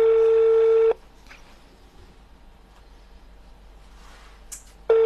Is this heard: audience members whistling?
no